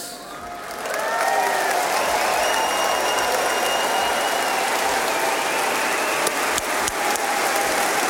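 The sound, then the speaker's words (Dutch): An audience bursts into sustained, dense applause for Jesus that swells within the first second and holds steady, a broad wash of many hands clapping with scattered cheers and a few voices mixed in. “En dan geloof ik dat we het beste, maar ook het beste en het beste applaus kunnen geven aan Jezus.”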